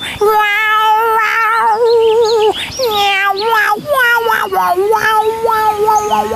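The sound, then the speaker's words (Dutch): A voice imitates a cat in a story of animals heading to Bremen as musicians, giving a few long, wavering meows likened to a violin that slide up and down in pitch, loud, with no other sounds around them. “Ik kan miauw en als een viool.”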